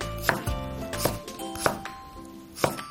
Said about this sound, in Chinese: 接下来我们处理这个芦笋，把芦笋斜切成片。